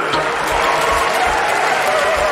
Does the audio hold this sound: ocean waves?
no